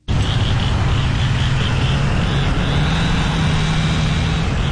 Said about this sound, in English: Morning after the tornado, the Wash Trailer Park in Boca Chica was filled with the sounds of saws, truck engines, and people calling out across the wreckage.